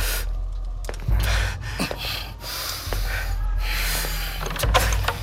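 A door is opened, with a few dull knocks and clunks spread across a few seconds over a low background rumble and some breathy noise. Nobody speaks.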